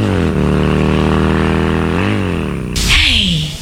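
A loud motorcycle engine hums, its pitch climbing as it revs up and the motorcycle drives off, then a burst of rushing noise near the end.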